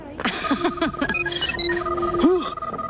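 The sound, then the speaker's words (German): A ghost's 'Buh-Phone' sounds the alarm from his house as his door is being opened: a busy electronic jumble of warbling chirps, rising and falling sweeps and steady high beeps, continuous and fairly loud for three seconds. “Manu, mein Buh-Phone. Alarm aus meinem Hus.”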